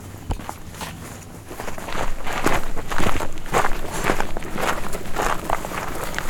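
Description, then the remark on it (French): Footsteps crunch and scrape over loose asbestos debris on the way to a car scrapyard, in an uneven, steady walking rhythm, each step a gritty, crackling burst that grows a little louder after the first couple of seconds. No one speaks. “Là, on fait attention, là, dans les débris d'amiante.”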